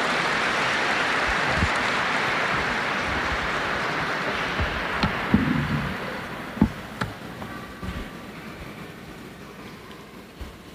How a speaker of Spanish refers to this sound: Démosle una bienvenida calurosa con este aplauso.